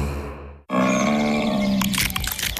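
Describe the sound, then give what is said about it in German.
A large brown bear at Bärenwald Müritz gives low, rumbling grunts, then a quick series of sharp crunching cracks follows as it bites nuts open with relish. No one speaks. “Was Sie jetzt hören, aber leider nicht sehen, ist ein großer Braunbär, der genüsslich Nüsse knackt.”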